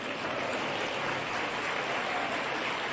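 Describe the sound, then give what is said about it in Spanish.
An audience applauds the Lord in a dense, continuous wash of clapping that holds steady for the whole stretch, with individual claps blurring together and no voices on top. “Más fuerte ese aplauso al Señor.”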